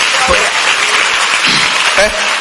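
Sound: audience clapping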